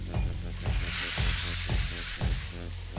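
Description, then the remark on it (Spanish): Goat meat sizzles steadily in a hot cauldron after wine has cooked off, a dense crackling hiss broken by several soft thuds and scrapes as pieces are stirred in. No one speaks. “Vamos a volver a poner la cabra en ese caldero.”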